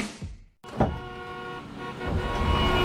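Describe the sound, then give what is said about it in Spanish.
Car horns honk over a steady rumble of idling engines in congested morning traffic, with a long sustained blare and a few shorter toots, loud, no talking. “¿Otra mañana atrapado en el tráfico y pagando gasolina antes de trabajar?”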